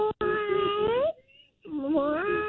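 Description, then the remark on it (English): A person doing a cat impression in a contest to win tickets gives two long, drawn-out meows separated by a brief pause, the voice wavering in pitch, loud with nothing else behind it. “Do your best cat impression.”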